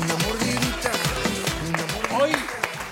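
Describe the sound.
An audience claps and cheers for about three seconds, scattered sharp claps mixing with a busy wash of overlapping excited voices that rise and fall throughout.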